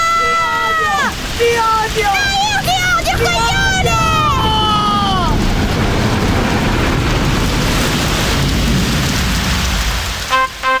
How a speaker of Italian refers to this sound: Il motore è andato! Cristo, le onde! Sono dei palazzi enormi, aiuto! Stiamo per affondare, amore! Affondare!